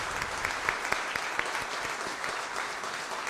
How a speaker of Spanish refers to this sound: Y la que merece un gran aplauso es nuestra madre, la Virgen del Carmen.